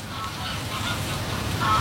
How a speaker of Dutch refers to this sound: Groepen ganzen die dan al gakkend overvliegen, die hebben wel gebruik gemaakt van de mogelijkheden die de landschap biedt.